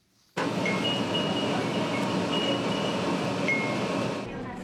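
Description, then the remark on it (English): A streetcar in Okayama City, western Japan, decorated with wind chimes for summer, rumbles along steadily while a few high, light chime tinkles ring out intermittently above the constant noise, then the sound fades slightly at the end. “Every summer, a streetcar in western Japan's Okayama City is decorated with chimes.”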